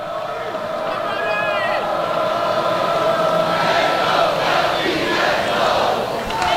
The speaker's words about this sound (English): … leading the Animals in a Noles cheer.